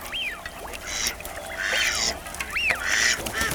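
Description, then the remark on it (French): Several live decoy ducks, used by hut hunters in Picardy to lure migratory waterfowl, quack in repeated bursts, clear, overlapping in a loose irregular rhythm with no one speaking. “De loin, on pourrait croire à de simples canards, mais de plus près, ce sont de véritables pièges à gibier d'eau. On les surnomme les appelants.”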